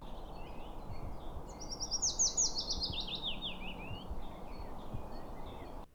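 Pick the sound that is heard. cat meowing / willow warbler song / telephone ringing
willow warbler song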